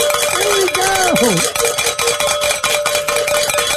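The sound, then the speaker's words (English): Bells ring in a loud, rapid, continuous clatter of bright metallic strikes for the whole stretch, with a brief sliding vocal whoop rising over them early on; the bells are rung to start the hour on a radio station broadcast, marking a donation from an anonymous listener in Stephenville, Texas. “That is always a great way to start the hours by ringing the bells, and even better when we get to also end the hour in ringing the bells.”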